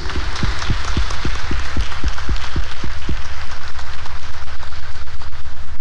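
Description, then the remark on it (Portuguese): A Catholic audience applauds the Sacred Heart of Jesus loudly for about six seconds, a dense wash of many hands clapping with a steady, regular pulse running through it and no voices over the top. “Nossas palmas para o coração de Jesus.”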